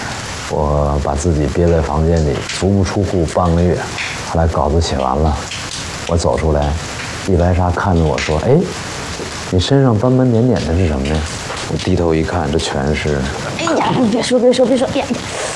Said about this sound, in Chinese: 你在外边淋雨干什么？感受一下江南的雨。